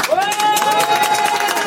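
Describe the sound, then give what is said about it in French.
Loud crowd noise with dense clapping and cheering voices, a rising whistle-like cry sustained over the top, a short burst of audience applause; the audience votes by applause on a clap-meter to choose a song for the RTL truck. “Alors là, vous allez voter. On va faire l'applaudimètre.”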